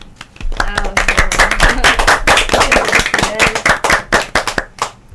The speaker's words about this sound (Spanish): Aplauso gigante para todos los conquistadores del mundo.